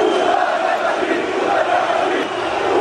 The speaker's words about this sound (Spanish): Vale, porque todo esto que están escuchando es el momento del recibimiento al autobús del Barça. Ah, pero se dicen puta Madrid. Pero, ¿no? Porque entre que hay humo y la gente estaba cantando en contra del Real Madrid, sí.